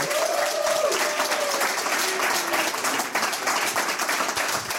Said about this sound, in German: Bitte begrüßen Sie mit einem herzlichen Applaus von der Reigenfermentation